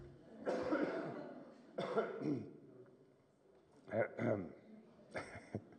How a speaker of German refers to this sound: Und kurz dolle Hustenmusik.